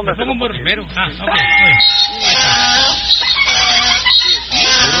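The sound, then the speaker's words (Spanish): A loud, raspy donkey bray blares for several seconds with harsh, wheezing tones, following a brief moment of talking at the start. “póngale un burro primero.”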